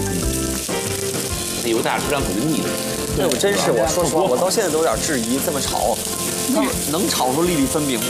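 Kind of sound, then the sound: food or drink, rice sizzling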